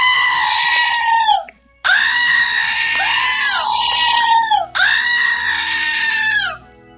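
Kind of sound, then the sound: screaming goat novelty toy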